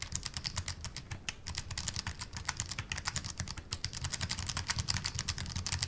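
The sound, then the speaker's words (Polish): Soft, rapid typing on a keyboard, with the keys pressed gently rather than all the way down: a steady stream of light clicks and taps, fairly quiet, continuing throughout with no voices. “Ale możemy przyciskać ją delikatnie. Trzeba do tego wprawy, żeby rzeczywiście pojawiły się znaki, ale można już pisać nawet w taki sposób.”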